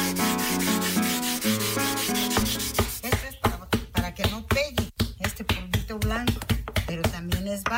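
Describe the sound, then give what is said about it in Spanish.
A small stone rubs steadily over the outside of an object to smooth it, in quick, regular strokes, each a short scraping swish, following a stretch of sustained tonal sound at the start. “Esta piedrita tiene uno que alisar por fuera.”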